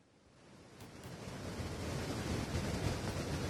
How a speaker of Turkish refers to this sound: Selin debisi aslında çok yüksek bir şekilde geliyor ve burada şu an ekranlarınıza da geliyor.